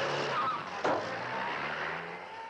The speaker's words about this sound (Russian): Такси быстро подъезжает к многоэтажному дому, резко тормозит перед подъездом.